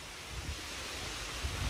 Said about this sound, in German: Das Rauschen der Bäume im Park.